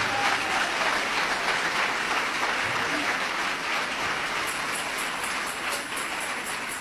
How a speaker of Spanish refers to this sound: Dele ese aplauso de alabanza y de victoria al Señor.